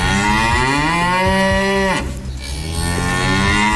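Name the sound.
cow mooing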